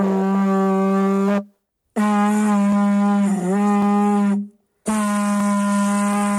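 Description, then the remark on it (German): Three long, steady, hollow horn-like blasts blown through a small hole in a stone or hollow boulder, sounding like a conch horn, each a low buzzing drone with rich overtones, separated by short silences; the middle blast wavers slightly in pitch. “Dabei werden Steine oder hohle Felsblöcke durch ein kleines Loch angeblasen. Das klingt dann wie das Schneckenhorn, eine Naturtrompete aus dem Meer.”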